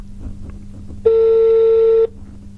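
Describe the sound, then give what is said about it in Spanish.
A single ringback tone on a phone line, one steady electronic burst about a second long, loud and clear over a low background hum, with no one speaking. “Imagínate que se estaba bañando, una cosa así, no va a estar con el teléfono en la mano, ¿no?”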